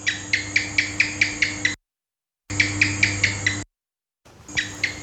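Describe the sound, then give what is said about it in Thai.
A gecko's chirping call: quick runs of sharp, high clicking chirps, about seven per series, repeated three times with short silent gaps between. No one speaks. “เสียงตัวอะไรคะตัวอะไรคะ จิ้งจก”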